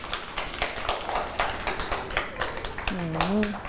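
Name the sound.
clapping hands applause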